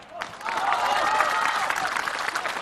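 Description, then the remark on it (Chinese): A studio audience of the talk show Art Life (艺术人生) breaks into sustained applause welcoming guest Feng Gong, steady and dense, starting almost at once and continuing throughout without any voices over it. “让我们掌声有请本期艺术人生的主人公冯巩。”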